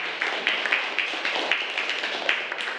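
A classroom of children claps together, a dense, steady patter of many small hands that carries on evenly for a few seconds with no voices over it.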